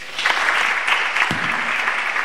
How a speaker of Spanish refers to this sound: un aplauso para él.